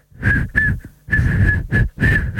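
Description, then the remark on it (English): A breathy, airy attempt at whistling a song, mostly rushing air with a thin, wavering pitch breaking through in short bursts, fairly loud, with no clear melody; the whistler puts their lips together but mostly air comes out. “Okay, well, give me something to whistle.”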